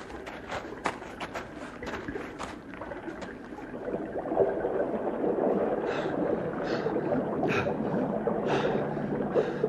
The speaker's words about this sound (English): The water! The water's going over my head! I sink in deep water! The billows go over my head! All the waves go over me!